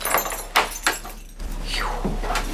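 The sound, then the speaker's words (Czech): A few sharp metallic clicks and clunks as a bunch of keys unlocks an exhibit in an exhibition on Sigmund Freud's house, followed by a drawn-out creak as a door swings open. No one speaks. “Divák dostane svazek klíčů a těma klíčema si může odemykat jednotlivý objekty.”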